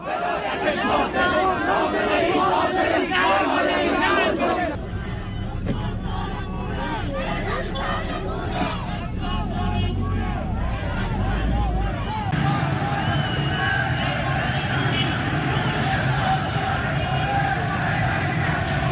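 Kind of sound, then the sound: crowd, protest crowd shouting slogans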